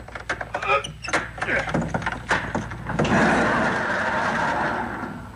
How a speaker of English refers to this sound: Better give me a hand, son. Okay. Just grab the bottom and push. The door rolls up.